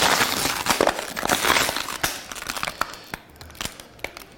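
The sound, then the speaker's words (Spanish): A plastic water bottle is crushed flat, with a dense run of loud crackling crinkles that thin out into scattered sharp pops and creaks. No one speaks. “Esto es lo que hay que hacer para que una botella de plástico ocupe mucho menos.”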